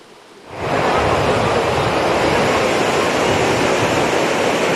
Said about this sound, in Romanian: Ei, avem valuri foarte mari, turiștii nu prea au voie de loc în apă. Furtuna a modificat curenții din mare, așa că salvamarii au fost nevoiți să arboreze steagul roșu.